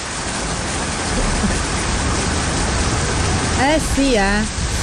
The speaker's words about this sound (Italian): Forse piove, signore e signori, finalmente la tanto attesa pioggia è arrivata.